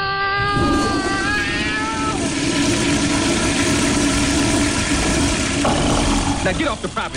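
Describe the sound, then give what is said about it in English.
A truck engine idles with a loud, steady low rumble throughout, and a brief wavering whine rises over it near the start. “Nothing for you in this truck.”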